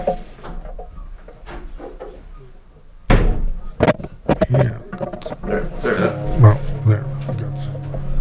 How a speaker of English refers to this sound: Hold on. Just shut the door.